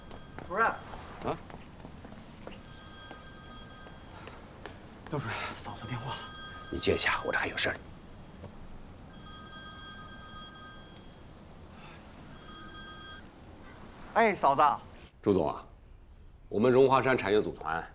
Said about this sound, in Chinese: 嫂子电话，你接一下，我这还有事儿。